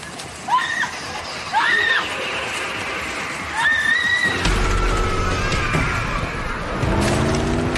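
Several shrill horse whinnies ring out, then a car engine roars to life and revs hard as the car peels out on a dirt road, its rising growl mixed with a loud, gritty rush of spinning tires and flying gravel.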